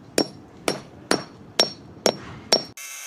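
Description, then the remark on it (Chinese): Six sharp, ringing hammer blows strike metal at a steady, even pace, hammering leftover ground spike remnants down into the pavement, each one loud and crisp with no talking, before the sound cuts to a brief bright, buzzy tone at the end. “像这样的，有我这套工具，1-2分钟就把这个地钉残留物就清除干净了，剩下的砸进去。”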